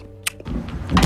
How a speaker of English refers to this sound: That was the actual bear, and you hear the trap closing right at the end. That snap! That was the trap door closing on the bear. It's amazing we got that audio.